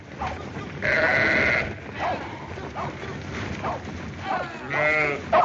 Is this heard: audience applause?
no